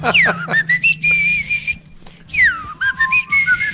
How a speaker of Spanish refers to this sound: Tendría yo que silbar, mira.